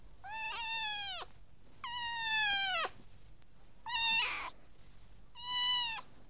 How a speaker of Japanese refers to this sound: わかった、この声は猫だもんね。